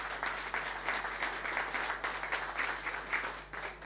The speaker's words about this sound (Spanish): y para ello un fuerte aplauso también.